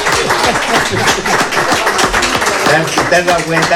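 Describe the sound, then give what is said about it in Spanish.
A crowd applauds steadily for a guest called the Presi, dense clapping filling the whole stretch, with excited voices cheering "¡Viva la Presi!" and shouting over it. “Un aplauso para la Presi.”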